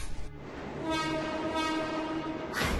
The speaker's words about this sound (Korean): 맞은편 선로로 지금 열차가 들어오는 중이야.